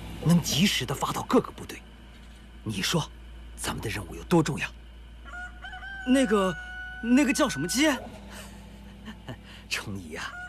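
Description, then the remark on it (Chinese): A rooster crows twice in the distance in the middle, its drawn-out calls rising and falling, while people talk in short bursts around it. “你就知道盯着远处打鸣的鸡”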